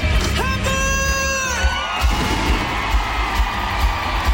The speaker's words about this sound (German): Für ein Jubel. 45.000 Fans sind da gewesen.